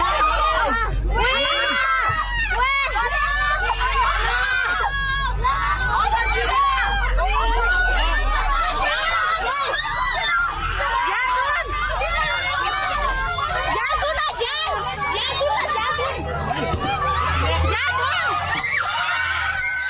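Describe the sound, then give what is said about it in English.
A crowd of people shriek and shout over one another as a flash flood's wall of water arrives on a sunny day, a loud, chaotic din of high-pitched voices that never lets up, with a low roar running underneath. “I mean, the shrieks in their voice, you can only imagine what was going through their mind there.”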